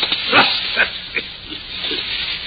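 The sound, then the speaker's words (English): A dog growls and snarls over a shoe in a string of short, rough bursts, fairly loud, with breathy, hissing noise between them and no one speaking. “Look at the little beast, will you? What's he got, a rat?”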